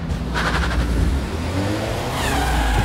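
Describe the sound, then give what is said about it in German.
A car engine revs and accelerates away, a loud, steady mid-pitched roar with rising whine and rumble, continuous, with no voices. “Ziel 2 fährt ab.”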